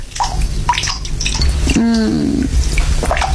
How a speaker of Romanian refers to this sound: Robinetul ăsta. Auzi cum picură. O să mai picure.